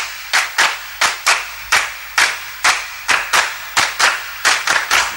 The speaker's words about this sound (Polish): a skoro już o tym mowa, to teraz dla pewnej dziewczynki brawa.